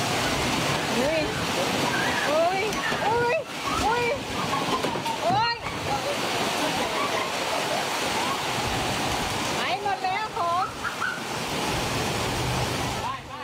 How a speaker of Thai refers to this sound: มีคนที่ใช้ Facebook เนี่ยนะครับเขาบอกว่าเป็นคลิปในร้านเบเกอรี่แห่งหนึ่งลมพัดเข้าร้านครับ โอ้ลมพัดแรงเลย